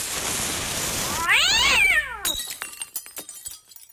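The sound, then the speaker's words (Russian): A loud, startled cat yowl that rises and falls in pitch for about a second, following a hissing whoosh as powders in a mortar catch fire, and giving way to scattered sharp clinks as the leaping cat breaks a glass flask. “Кот от неожиданности подскочил до потолка и разбил колбу.”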